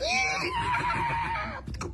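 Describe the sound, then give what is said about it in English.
A toy horse's electronic neigh rings out loud, a long wavering whinny that tapers off into a few quick galloping clip-clops at the end. “¡There it is! ¡Sound effects y todo!”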